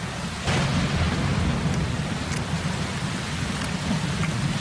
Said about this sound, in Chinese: 那雷声由远及近，漫天的乌云仿佛要压降下来一般，堆在地宫的回字形上空。接着几道闪电劈过，撕开丝绒般的夜幕，雷声不断中，豆大的雨珠敲打在了夕颜的脸上。